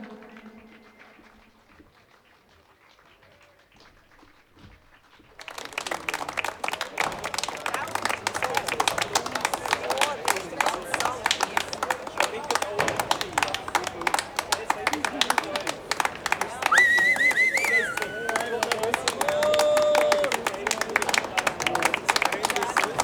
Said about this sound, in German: Hören da im Hintergrund noch die letzten. Es gibt Applaus, definitiv. Und verdient, denke ich mir, hat sie das.